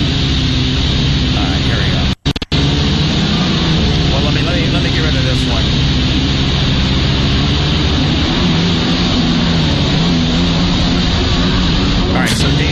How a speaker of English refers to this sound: As you can see, he's on one of these stand-up jet skis, and he kind of tries to maneuver himself so that he's doing this certain kind of trick here.